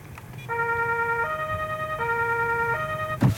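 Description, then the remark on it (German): A police car's two-tone siren is switched on, together with the blue lights, using a button on the car's keypad. It alternates steadily between a high and a lower note a few times, loud over a low engine rumble, ending with a brief thump. “Da haben wir hier diese Tastatur, kann natürlich am Radio, kann es keiner sehen, aber da können wir mit einem Knopf schalten einfach Blaulicht und Horn an. Das werde ich jetzt mal machen.”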